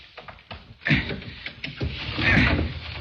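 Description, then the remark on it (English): A window being forced open with a small piece of steel: grinding, creaking scrapes that swell in two strained surges, fairly loud, with no voices. “The shade's down so we can't see inside, but I've got a little piece of steel that'll get us inside. Stand back while I do a little prying.”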